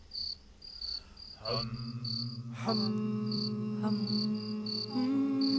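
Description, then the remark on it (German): Several voices hum together in sustained, overlapping low tones that swell and shift pitch, while steady cricket chirps pulse faintly in the background throughout. “Na, summt ihr euch ein bisschen Mut an?”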